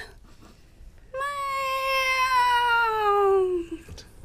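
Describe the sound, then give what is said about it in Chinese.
A person imitates a kitten's meow as a method for learning the Peking opera small voice (xiaosang): one long, high meow that slowly falls in pitch, lasting over two seconds. It is clear, with near silence before and after. “您就能够学得会的啊，一个方法，学猫叫，而且一定是学小猫叫。”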